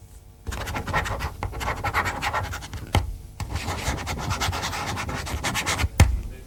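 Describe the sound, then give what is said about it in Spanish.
A red ballpoint pen, being tried out to confirm it has ink, scratches steadily across paper for several seconds in dense, raspy strokes, with a couple of sharper knocks breaking in along the way. No one speaks. “Está más cerca ahora del bolígrafo que de mi voz.”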